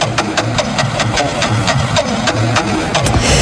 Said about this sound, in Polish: Skoro dziś rzucamy monetę, kręcimy kołem, nie wiemy, co się wydarzy, to pora poznać. To teraz ja mogę znowu kołem? Proszę, koło. Dobra, to dla was kołem kręcę.